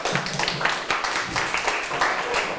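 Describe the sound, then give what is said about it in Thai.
A class of students claps together for a classmate, the student president, who answered a question correctly: a steady, dense patter of many hands, sustained for a few seconds with slight swells. “เพื่อนตอบถูกไหมครับตอบถูกครับเก่งมากปรบมือเพื่อนหน่อย”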